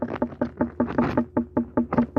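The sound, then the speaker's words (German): A rapid, steady series of about a dozen firm knocks on an unripe watermelon, done as a knock test for ripeness by a watermelon farmer from Upper Bavaria, Germany. Each knock is a short tock with a slight ringing tone, and there are no voices. “Und so hört sich jetzt eine unreife Melone an.”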